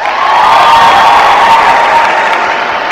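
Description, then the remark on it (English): A large audience breaks into steady, loud applause to show they like cats more than dogs, a dense wash of clapping that holds at full strength for a few seconds with a faint murmur of crowd voices mixed in. “How many people, by round of applause, like cats more than dogs?”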